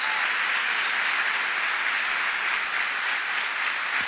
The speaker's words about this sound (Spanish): Si vamos a aplaudir, demos un fuerte aplauso, porque es para Dios.